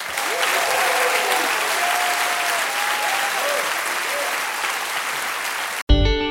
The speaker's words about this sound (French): Merci. Je voudrais vous demander d'applaudir notre chef de cabine qui va s'assurer de votre sécurité à bord pendant tout le concert